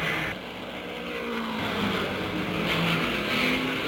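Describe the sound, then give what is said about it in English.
Keller's race car engine roars and builds as it accelerates out of the pit after a fast pit stop with three tires changed and refueling, a loud, steady rasp with a rising tone over a broad rush of noise. No one speaks. “The jacks go down, and there goes Keller out of the pit just that fast.”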